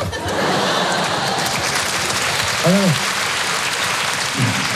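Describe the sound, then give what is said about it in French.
A crowd applauds steadily throughout, a dense wash of clapping with a brief voice or whoop rising out of it near the end, an audience at an evening comedy show on Rire et Chanson. “Si vous applaudissez à quoi ça sert, on va passer une soirée exceptionnelle, faites-moi confiance.”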